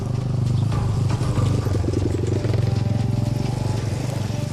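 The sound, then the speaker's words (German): A motorcycle used to deliver supplies to soldiers in quieter combat areas runs steadily for several seconds, a loud, low, throbbing drone with a slightly uneven, chugging rhythm and some mechanical rattle on top, and no voices. “So versorgen wir die Jungs mit Motorrädern, mit Karren.”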